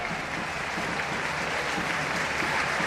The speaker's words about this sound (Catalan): Aplaudiments a la graderia de Montilivi d'aquest doble canvi. Els dos primers del Girona, recordant que el Mallorca ja només en té un.